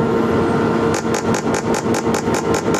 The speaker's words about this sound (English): Coils inside of the helmet use magnetic pulses to induce small, localized electric currents that painlessly activate nerve cells in the brain. The machine delivers transcranial magnetic stimulation.